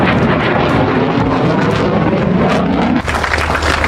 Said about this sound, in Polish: Najpierw samoloty powitały się z Polską i przeleciały nad Gdańskiem, Warszawą i Krakowem, po czym wróciły do Łasku na oficjalną ceremonię przywitania samolotów.